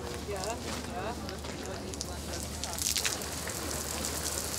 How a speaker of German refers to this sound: Macht weniger, dass es mehr Nieselregen ist und nicht Platzregen. Noch feiner geht.